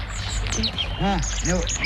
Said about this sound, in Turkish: Dinlesene bak. Bu ses. Ne sesi bu ses? Bülbül. Yavaş. Kaçar. Tamam. Bülbül sesi bu